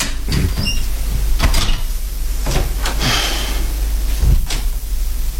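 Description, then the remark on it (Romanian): A door is opened and shut, with a few sharp knocks and thuds spread across several seconds over a steady low rumble, plus a faint creak or two between them. “Prin ușa cealaltă.”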